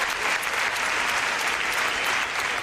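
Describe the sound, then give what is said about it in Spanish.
A crowd applauds steadily at the end of a solemn memorial protest march held by a tenants' union in front of the late woman's home on Calle Sáenz de Baranda, dense overlapping claps forming a continuous, fairly loud wash of sound with no pauses, sustained throughout without any voices standing out. “Aplausos y un minuto de silencio y un alegato final en voz de las compañeras de asamblea de Mari Carmen del sindicato de inquilinas.”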